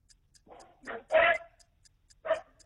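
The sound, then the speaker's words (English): A dog barks four times in quick, uneven bursts, the third loudest and longest, with a faint steady ticking running through the background. “The dog knows. The dog, no, trust the dog.”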